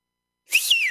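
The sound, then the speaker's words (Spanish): A person whistles one short note that swoops up and then slides back down, fairly clear after a moment of silence, with no talking. “Chuta, ya ni silbo. Antes silbaba fuerte. Ahí me salió.”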